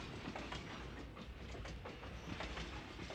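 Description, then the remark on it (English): A Disneyland Railroad train rolls steadily along from Tomorrowland Station, a dense low rumble broken by irregular metallic clacks of wheels crossing rail joints, fairly loud, with no voices. “Please remain seated while the train is moving, keeping your hands and arms inside the car.”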